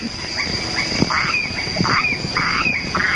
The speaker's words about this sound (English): Here they are, the crickets, the frogs, the cicadas and all their brood. The noises come to you from Stirling Island in the Treasury Group, which, as you all know, is at present occupied largely by New Zealanders.